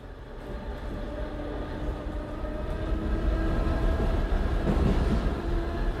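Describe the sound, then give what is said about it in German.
Steady low rumble of an S-Bahn commuter train carriage in motion, with rattling wheels and faint tonal hums, swelling slightly louder toward the end. No one speaks. “In der S-Bahn riecht's nach Schweißfüßen.”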